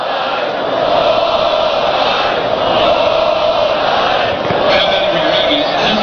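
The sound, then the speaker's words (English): A large crowd at a college baseball game at Texas A&M chants "ball five" and roars together after a ball-four walk, a loud, dense wall of voices that holds steady for several seconds with rhythmic swells and no single speaker standing out. “Now he's got the crowd in the ball game. They're screaming, ball five, ball five.”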